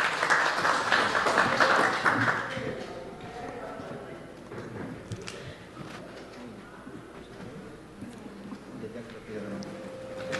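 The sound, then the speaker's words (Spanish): A crowd applauds to welcome a woman introduced as the flower of Otuzco, loudest in the first couple of seconds before tapering off, leaving a quieter stretch of murmuring voices and general background noise. “Así que a continuación, cómo no, recibir con un fuerte aplauso, y escuchamos a nuestra flor otuscana.”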